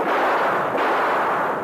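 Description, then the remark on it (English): A loud thunderclap roars and crackles steadily for a moment on a dark night with lightning in the western sky, a broad rumbling burst that could easily mask a gunshot fired at the same instant. No voices are heard. “I'll shoot the lark off the next time it thunders, Kemosabe.”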